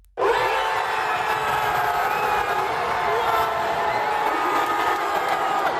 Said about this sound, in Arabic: بعد ضربات الجزاء والأشواط الإضافية وتسعين دقيقة من الوقت القانوني للمباراة، أطلقت الجماهير في منطقة المشجعين في ملعب الأمير مولى الحسن في العاصمة الرباط العنان لأفراحها بعد انتصار أسود الأطلس على الطواحين الهولندية وتأهل المنتخب المغربي